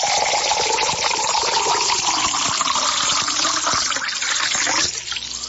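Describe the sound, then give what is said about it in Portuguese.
Water pours steadily into a drinking glass for about five seconds, another glass to drink in a birthday celebration. It is a continuous splashing stream with a gurgling tone that shifts as the glass fills, then eases off at the end. “Vamos mais um copo, porque um só não dá, né?”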